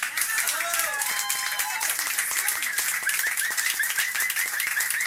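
A crowd applauding steadily, with dense, continuous clapping at an even loudness for about five seconds. High whistles and cheers ring out over it in the first couple of seconds.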